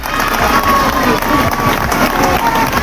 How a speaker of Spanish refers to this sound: Bueno, pues entre gritos, petardos, han sido recibidos los cuatro mineros, aplausos, el presidente del Parlamento asturiano a la puerta, con todos los portavoces en la Junta General del Principado.